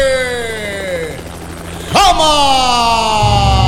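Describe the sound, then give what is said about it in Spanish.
Loud helicopter rotor noise from a helicopter flying overhead, with a whining engine tone that slowly slides down in pitch, surging sharply about halfway through before droning steadily on. “Avión, dice el bestia este, helicóptero, ¿qué te escuchas, pues?”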